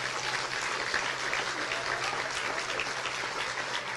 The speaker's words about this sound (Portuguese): Você pode aplaudir a Deus?